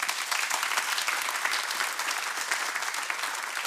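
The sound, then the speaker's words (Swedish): A church audience claps steadily as thanks for a teaching, a dense, even patter of many hands that holds at a constant level throughout without any voices rising above it. “Kan vi ge en applåd?”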